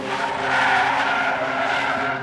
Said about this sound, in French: Elle sortait du tram de Pérol, à proximité de Montpellier, qu'elle allait rejoindre des amis à une soirée, et que sur le chemin à pied, une voiture s'est arrêtée.